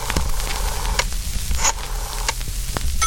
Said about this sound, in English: Oh, see, she's dialing. Wait. She's dialing the phone, the old rotary dial phone sound effect at the beginning. Let's listen to that. Turn that up.